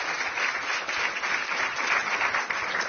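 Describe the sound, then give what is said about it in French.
An audience at a France Culture masterclass applauds the guests, a dense wash of many hands clapping at an even, moderate loudness that holds without pause for the whole stretch, with no voices over it. “je vous propose d'applaudir.”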